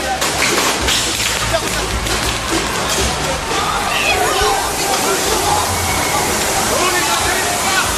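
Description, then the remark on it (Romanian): A powerful, steady rush of spraying water from gendarmes' water cannon dispersing protesters in Brussels, Belgium, roars without pause for the whole stretch, loud, with a faint murmur of crowd voices underneath. “Jandarmii au folosit tunuri cu apă și gaze lacrimogene pentru a dispersa mulțimea.”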